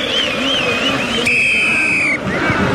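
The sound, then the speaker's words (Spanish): A single long, shrill referee's final whistle blast, steady and high-pitched, ends a Copa Chile quarter-final first-leg football match between Antofagasta and La U, won 2-0 by Antofagasta. It sounds over a dense roar from a crowd of about 10,000, with a commentator's voice talking before and after it. “Pitazo final.”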